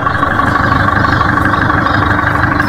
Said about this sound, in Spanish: Lo escucharon ustedes cómo suena ese motor impresionante ahí con el ritmo del Perkins.